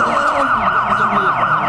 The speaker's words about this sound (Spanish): ¡La ambulancia ya está aquí!